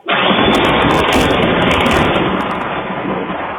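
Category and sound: nature, lightning strike thunder crack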